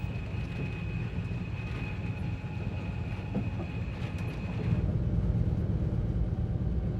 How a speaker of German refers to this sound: Der Express, fest im Griff der beiden Lokführer, fährt nun mitten durch die Nalarbor, eine Wüste von 700 Kilometern Länge und 300 Kilometern Breite.